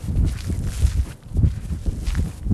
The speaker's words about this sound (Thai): มองผิวเผินเหมือนหาดทรายธรรมดาแต่ว่าถ้าลงมาเดินแล้วเนี่ยก็จะรู้ว่ามีสิ่งที่แตกต่างความรู้สึกสัมผัสที่เท้าเนี่ยเราจะได้ยินเสียงเลยกรอบแกรบกรอบแกรบ